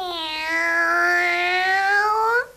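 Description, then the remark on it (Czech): A single long, drawn-out cat meow, fairly loud, holding a steady tone for over two seconds before cutting off, with no other sounds around it. “Kočka odjak živa mňouká.”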